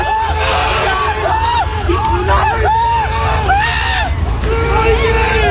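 A large crowd at Brnik shouts and cheers in a dense, continuous roar as a bus carrying Ronaldo passes by, with overlapping yells and whoops rising above the babble, plus a low engine rumble underneath throughout.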